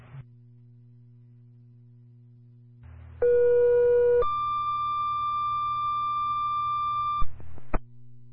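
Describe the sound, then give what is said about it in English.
A two-tone fire dispatch page toning out Warren Fire, over a steady low radio hum: a lower steady tone for about a second, then a higher, loud sustained tone for about three seconds, ending in sharp clicks. “You know what, maybe tone out one more time for Warren, please.”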